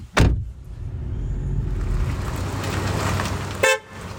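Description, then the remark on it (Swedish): A car door thuds shut, then the engine of a small red car hums steadily as it pulls away in Påryd, moderately loud, ending with a short horn toot. “Nu sätter vi oss i din lilla röda bil. Ja. Och så åker vi iväg här i Påryd.”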